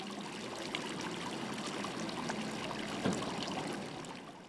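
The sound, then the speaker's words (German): Water burbles and trickles steadily from a bubbling fountain within old town walls, a continuous splashing wash with a brief louder gurgle midway, and no voices present. “Da halfen auch die 3 sprudelnden Brunnen innerhalb der Stadtmauern nicht viel.”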